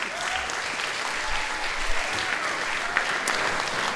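Sustained audience applause, a dense, steady wash of many hands clapping at fairly even loudness for the full four seconds, with no voices standing out.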